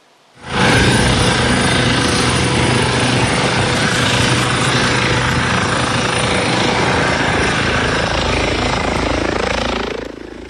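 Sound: rescue helicopter flying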